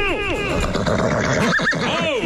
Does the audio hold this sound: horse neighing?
yes